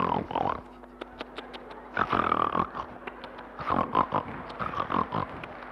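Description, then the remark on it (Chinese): A voice imitates loud, exaggerated snoring: several rough, snorting, pig-like grunts come in uneven bursts, with brief quieter gaps between the rasping breaths. “不是，您等会儿 、啊， 这是人打呼噜吗？”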